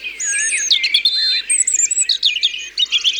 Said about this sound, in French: Voilà un rouge-gorge.